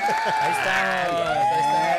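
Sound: applause sound effect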